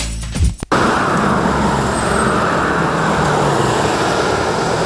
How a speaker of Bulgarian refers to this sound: Последния работен ден трафикът към Гърция е интензивен. За задръстванията според пътуващите има няколко причини. Заради почивните дни хората отиват на море.